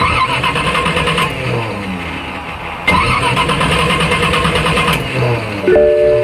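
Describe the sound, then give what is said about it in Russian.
An old car engine cranks and sputters repeatedly, trying to turn over in loud, uneven bursts without quite catching, with no one speaking. “Ну нет! Серьезно? Опять? Изводит старая машина?”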